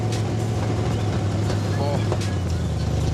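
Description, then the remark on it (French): A school-built car with very short exhaust headers, made at the school, runs at a loud, steady idle, giving a deep, throaty, buzzing drone that holds constant throughout, with faint murmurs of voices underneath. “Vous avez travaillé les échappements en plus pour avoir un son pareil.”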